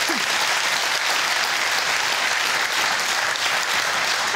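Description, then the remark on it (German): An audience applauds steadily for the winner of the Honigtopf lottery draw, a dense, even wash of clapping that holds at a constant loud level throughout with no talking over it. “Jetzt geht's mit einem Applaus für unseren Gewinner rüber zum Jackpot und zu Jule.”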